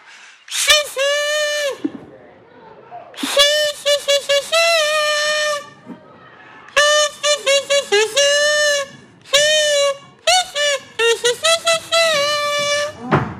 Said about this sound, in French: je prends mon casou et je vous joue une célèbre chanson